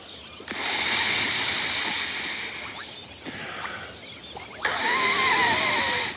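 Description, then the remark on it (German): Air is pushed into an inflatable swim ring in two bursts: a long, steady hissing rush, a short pause, then a louder gush with a faint squeaky whistle, with no talking. “Wenn ich jetzt ein ganz klein wenig mehr Luft dazu puste...”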